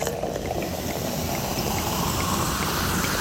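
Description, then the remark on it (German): A steady stream of semi-dry sparkling wine is poured generously into glasses with a dense fizzing, bubbling hiss during a tasting in a winery tasting room in Stellenbosch, South Africa, continuous for a few seconds with no talking. “Johanita gießt großzügig ein.”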